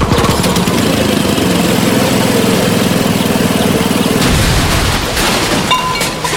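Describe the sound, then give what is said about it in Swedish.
A loud, rough lawn mower engine, not serviced at Lunds Park och Maskin, runs chugging and sputtering unevenly for several seconds before its rhythm falters and changes near the end. No one speaks. “Den var inte heller servad på Lunds park och maskin.”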